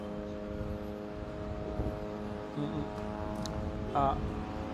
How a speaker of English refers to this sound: And, you know, it might actually increase the level of attacks, judging from the drones that have been hovering around the area here at a very low level here, dangerously low in some of the areas, just casting a huge amount of fear and panic